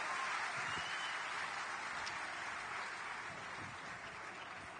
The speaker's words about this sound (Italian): Che si facciano loro un applauso, fatevelo voi un applauso. Grazie.